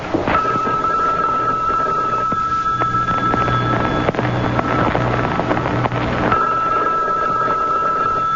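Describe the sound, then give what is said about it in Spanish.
A telephone rings on and off without being picked up, its steady electronic tone pausing for a few seconds and then returning, over constant rumbling, wind-like background noise. “Bueno, y es que nadie va a contestar.”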